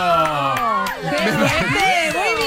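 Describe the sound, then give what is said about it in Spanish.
An audience cheers loudly for a correct answer in a quiz, many overlapping voices shouting and whooping at once in a steady, excited burst that stays strong from start to finish. “Bravo, aplausos.”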